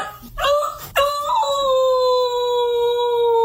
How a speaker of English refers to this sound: She is a little beagle. She's a beagle? Thing about beagles, they don't really actually bark as much as they howl.